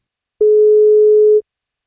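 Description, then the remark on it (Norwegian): A single steady electronic telephone ringing tone sounds for about a second, clear and fairly loud, followed by silence: an outgoing call from radio station NFM to a listener on his birthday, answered after one ring. “Vi skal prøve å ringe og ta en telefon, så blir det kake.”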